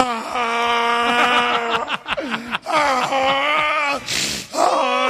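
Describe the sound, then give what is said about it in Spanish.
A voice imitates a donkey crying, loud, with long wavering wails and groans that dip and rise in pitch, broken by short gasping breaks over about five seconds. “Mierda, y sale ese burro llorando.”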